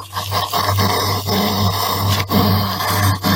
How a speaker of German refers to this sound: Nee, es ist kein kleines Schweinchen. So klingen Igel.